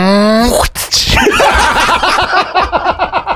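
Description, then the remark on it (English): A rising engine-like whine cuts off with a sharp burst, then a loud, rapid fluttering chatter follows and slowly breaks into pulses, like a turbo blow-off valve venting on a gear change. “It sounds like it's a bloody a car changing gears with a blow off valve.”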